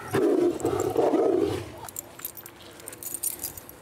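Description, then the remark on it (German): A tiger lets out one loud, deep, rumbling roar lasting over a second at feeding time, asserting it is first to take its food, then it fades into quieter background rustling and faint metallic clinks. “hey, ich bin der Erste, der sein Essen rausholt.”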